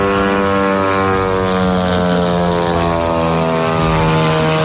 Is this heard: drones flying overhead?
yes